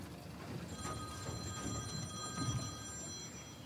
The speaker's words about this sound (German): Jetzt klingelt das Telefon.